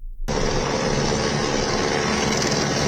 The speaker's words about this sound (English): Rescuers arriving by helicopter at a hydro plant where dozens of people are believed stranded inside a tunnel, debris and mud blocking its opening.